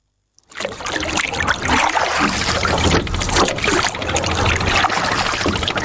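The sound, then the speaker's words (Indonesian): Water splashes and trickles steadily as a 70-year-old woman paddles a small boat among other small boats on Kendari Bay in the morning, fairly loud, with a continuous broad wash of water movement and no voices. “Pagi hari di Teluk Kendari, di antara perahu-perahu kecil yang bergerak di permukaan air, seorang perempuan berusia 70 tahun mulai mendayung.”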